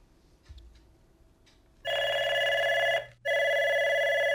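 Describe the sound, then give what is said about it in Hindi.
A telephone rings for an incoming call on the radio phone-in programme 'Behnon Ki Pasand': two loud electronic trilling bursts separated by a short pause, clear, following a few faint soft sounds. “तो चलिए call receive करते हैं।”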